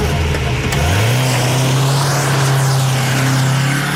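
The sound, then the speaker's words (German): The engine of Alex's father's car revs up sharply and roars off, its loud rising drone settling into a steady high whine as the vehicle speeds away, with no voices present. “Nico und ich stiegen in den Wagen von Alex' Vater und rasten los.”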